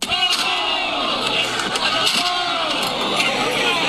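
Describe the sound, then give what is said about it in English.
A loud, dense crowd in the streets of New York roars and shouts continuously while sharp banging impacts cut through every second or so as people slam things against a school bus, tearing it down and chanting each other on. “They're slamming things against the school bus, tearing it down. And then chanting each other on.”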